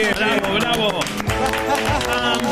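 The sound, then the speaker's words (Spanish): Steady applause for the nominees fills the whole stretch, a dense wash of many hands clapping together with crowd voices and cheering mixed in, staying loud and even throughout. “El aplauso para los nominados.”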